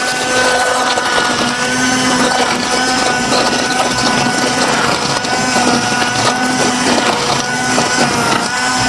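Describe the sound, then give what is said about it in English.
A blender runs steadily at high speed, blending a smoothie: a loud continuous motor whine with harmonic tones and churning, gritty noise from the contents, with no voices. “So we'll blend it.”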